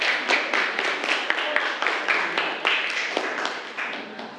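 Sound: students clapping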